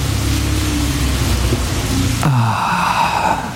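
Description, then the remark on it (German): Steady rain hisses throughout, a dense, continuous wash of noise, shifting in tone partway through as if falling onto a different surface. No voices. “Regen. Endlich wieder Regen.”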